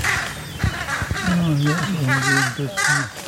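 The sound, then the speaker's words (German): Harsh, raspy carrion crow alarm calls repeat in a quick, agitated series, loud, with a couple of brief wingbeat thumps early on. “Akustisch haben die Kollegen natürlich auch Alarm gemacht. Hör mal, die Rabencreme.”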